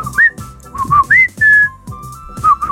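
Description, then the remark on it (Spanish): A clear human whistle, a two-note signature whistle for calling one's partner: a low note sliding up to a higher one, repeated a few times in quick succession over faint background noise. “Voy a instalar un chiflido para Juan”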